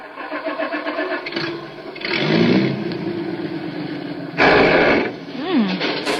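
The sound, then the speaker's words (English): A car engine cranks and catches, running rough with an uneven rumble and surging revs, then lets out an odd whining squeal that rises and bends in pitch, fairly loud. “It might be a bearing. I've heard people talk about burning out a bearing.”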